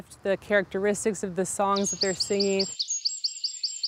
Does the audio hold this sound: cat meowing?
no